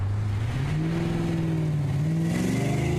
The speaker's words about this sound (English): After a kilometre or two, I decided to see what power the car had, so put my right foot down rather firmly.